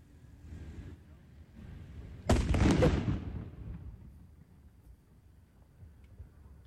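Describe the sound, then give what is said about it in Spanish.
In a played video, a grenade thrown at soldiers near the La Ofelia terminal explodes suddenly and loudly partway through, a broad rumbling blast that decays over about a second against a low background murmur. “Va a existir una explosión.”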